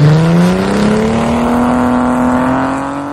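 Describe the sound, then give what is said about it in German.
A new Ford Mustang engine revs loudly, its deep growl climbing steadily in pitch for a few seconds as it accelerates, with no voices over it. “Nicht aber die ersten Motoren, ein 2,3 Liter EcoBoost Turbo und der 5 Liter V8.”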